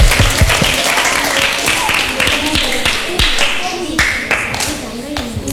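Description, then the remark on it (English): A class claps steadily for several seconds to applaud a correct answer to a riddle, a dense, loud patter of many hands with a few sharper individual claps standing out, and faint voices mixed in underneath. “Correct. Give applause.”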